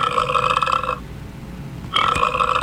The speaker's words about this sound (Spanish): Los 9 monstruos ruidosos y viscosos, moteados y babosos, seguían bastante apretujaditos cuando a uno de ellos le dio por eructar.